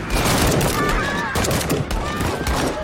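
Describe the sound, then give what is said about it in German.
A firing squad's rifle volley carrying out a death sentence after the commands to aim and fire: loud, overlapping gunshots ring out in a dense burst, followed by a few more scattered sharp cracks over a rumbling background, with faint voices mixed in. “Ihr werdet hiermit zum Tode verurteilt.”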